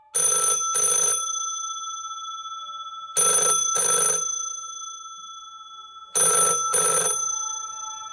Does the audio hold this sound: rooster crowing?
no